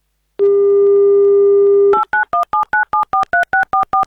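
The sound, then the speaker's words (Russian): A steady dial tone hums for about a second and a half, then a quick run of around eleven crisp two-tone keypad beeps follows in an even rhythm as Avtoradio dials a game contestant's telephone number on air. “Номер набран по правилам игры «Гимн Авторадио» вместо гудков.”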